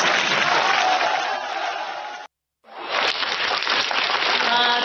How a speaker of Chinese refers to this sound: 掌声这么热烈 啊， 这说明都是我们相声演员的朋友， 都是我们的知音。